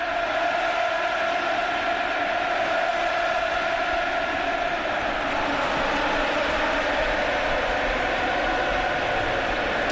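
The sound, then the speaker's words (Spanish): A big stadium crowd roars and applauds in the stands, with people crying with emotion and Joaquín applauding among them; a dense, steady wall of cheering and clapping that holds at the same loud level for the whole stretch, with no single voice standing out. “Y Joaquín, Joaquín que está en la grada aplaudiendo, muy emocionado, así suena.”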